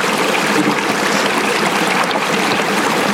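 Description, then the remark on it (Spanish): Steady trickle of cold, carbonated, mineral-rich spring water splashing and dribbling continuously as it is collected into a small bottle, bright and fairly loud, with no voices. “La gente de la comunidad viene acá solamente por llevarse su botecito de agua y irse probando.”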